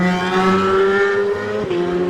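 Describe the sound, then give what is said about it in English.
A racing motorcycle, a BMW numbered 62 ridden by Davey Brook, roars as it accelerates away, its loud, buzzing engine holding a steady high-pitched whine that shifts briefly as it changes gear. No voices are heard. “Davey gets the beautiful looking BMW away, Brook suspension.”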